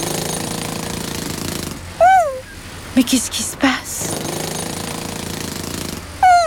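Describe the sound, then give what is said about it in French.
Loud, continuous rattling of jackhammers digging into the ground at a construction site, running for a few seconds, breaking off while a woman speaks a brief question, then hammering again. “Ce sont les marteaux-piqueurs qui creusent le sol, qui te donnent l'impression que la terre tremble.”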